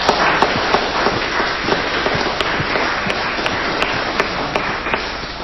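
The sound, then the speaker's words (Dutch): People at a church baptism clap steadily for several seconds for the baptized child, parents and godparents, a dense, even wash of many hands with sharper individual claps popping out now and then. “En ik vind dat we de kleine doopeling, ouders en peetouders, wel even een klein applaus mogen geven.”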